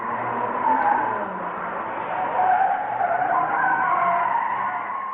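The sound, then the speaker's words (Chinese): A car speeding along a road at night without its lights on, with no streetlights or moon, skids hard under heavy braking to stop short of a drunk man in black in the road, its tires letting out a loud, continuous screech that wavers in pitch for about five seconds, with no voices. “这个时候没有路灯，也没有月亮，眼看那个人就要被汽车撞倒，但是汽车忽然刹住了。”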